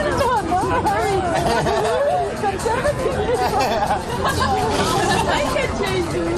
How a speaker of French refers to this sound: Tintement des éco-cups, éclats de rire et chants des oiseaux en fond sonore, bienvenue au parc de l'Etna.